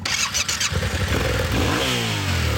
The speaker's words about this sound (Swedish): Här har vi en motorcykel, den 700 kubik. Den har packboxar för att vi ska få med oss grejer.